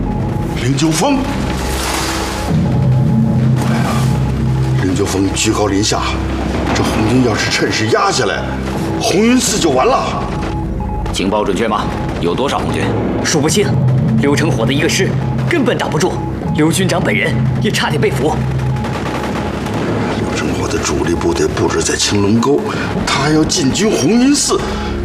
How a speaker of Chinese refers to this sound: 你们听，这枪声有点不太对劲儿。这是灵鹫峰方向传来的，好激烈的枪声，还有迫击炮声。 红军一定是红军攻打灵鹫峰了